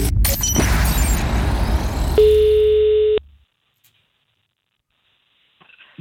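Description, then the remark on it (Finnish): A single loud, steady telephone ringing tone lasting about a second, as a phone call is placed to a hotel, cuts in over a dense, noisy background, then everything drops to near silence with a few faint clicks. “Ai että, jalat pöydälle ja luuri käteen. On nimittäin perjantai-puhelun aika.”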